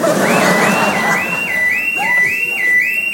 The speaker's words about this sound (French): Oh merde, l'alarme.